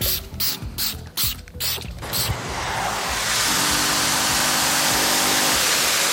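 Rhythmic scrubbing strokes for about two seconds, then a loud, steady rushing hiss of a steam vacuum running continuously until the end, as a Silbitzer Reinigungsservice cleaner sprays, scrubs and steam-vacuums orange chairs from a clubhouse in Crossen an der Elster. No voices.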